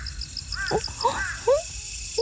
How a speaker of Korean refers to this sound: 방금 이 소리. 여러분 분명히 들으셨죠? 지금 들리지 않나요? 와, 저기 제 앞에 귀뚜라미 한 마리가 갑자기 점프를 해서 저 멀리 달아나 버렸어요.